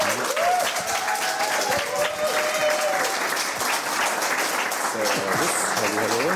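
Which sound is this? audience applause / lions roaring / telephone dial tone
audience applause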